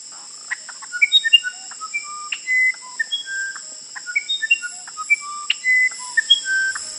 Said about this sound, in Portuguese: Ah, muito fácil. Ele disse, eu sou o Irapuru, seresteiro cantador do meu sertão.